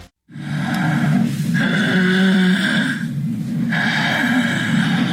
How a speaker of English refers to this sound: Obstructive sleep apnea may sound like snoring, but it can also sound like a car crash.